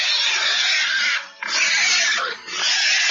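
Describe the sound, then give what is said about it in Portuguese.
Pigs grunting and squealing loudly, startled by the noise of a car. A harsh, continuous racket breaks into three long bursts with two brief pauses, with no talking. “E os porcos começaram a grunhir.”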